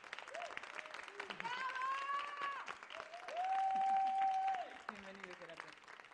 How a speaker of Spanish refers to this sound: ¡Aplauso, aplauso, aplauso, aplauso!